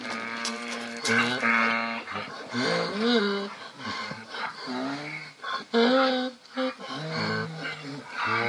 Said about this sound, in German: Aber die wirklichen Esel, die das Vorbild sind, die, so muss man wohl sagen, schreien weder Dur noch Moll. Das IA an der Esel klingt für uns auf jeden Fall immer musikalisch.